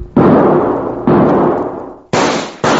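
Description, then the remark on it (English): Four loud rifle shots from a carbine ring out with no talking, each a sharp crack trailing into a decaying echo; the first two are evenly spaced, the last two fire in quick succession. Shots in a gunfight, one knocking a rider out of his saddle. “Chad, I knocked him smack out of his saddle. Nice shooting, Cherokee.”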